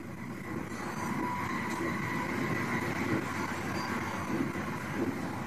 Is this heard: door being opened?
no